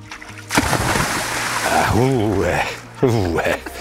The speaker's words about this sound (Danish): Og du har lovet at slutte af her med en vandbombe